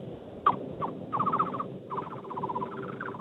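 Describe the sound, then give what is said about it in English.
A person imitates a bird call with a mid-loud whistle: a couple of quick chirps, then two rapid warbling trills, with no talking over it. “It could be like a thrush, if I had to guess.”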